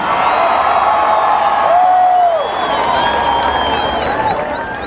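A crowd applauds steadily, a dense wash of clapping mixed with cheers and high whistles or whoops rising above it, loud and sustained throughout, as an audience welcomes the group Juventud Ancestral, finalists in a competition category.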